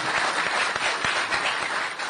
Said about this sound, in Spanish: Amigas, amigos, sin más palabras, fuerte el aplauso.